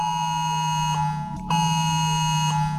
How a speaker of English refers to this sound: This is 3 seconds of what the Oz Alert sound is going to be next Monday.